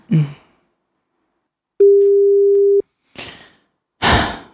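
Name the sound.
telephone ringing tone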